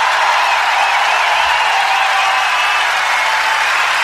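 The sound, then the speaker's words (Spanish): A large audience applauds the Orquesta Sinfónica Nacional and conductor Gerardo Gandini, the dense clapping loud and steady from start to finish, with no voices standing out above it. “Fuerte el aplauso para Carlos Cutaria.”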